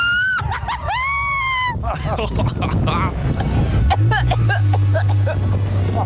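Tires screech in long rising and falling squeals while a car engine roars as the car drifts at the airfield in Ahlstedt, then a deep steady engine drone takes over; a person shrieks and shouts excitedly throughout.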